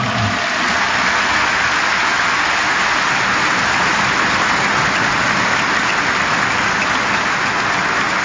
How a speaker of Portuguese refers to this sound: Minha saudação e gratidão aos formadores e aos professores do querido Alane, e para eles, formadores e professores, uma salva de palmas generosa.